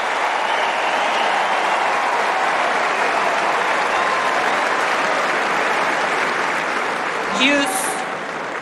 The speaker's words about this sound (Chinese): 好球好球啊，漂亮漂亮，小图列夫也是为对方送上了掌声啊。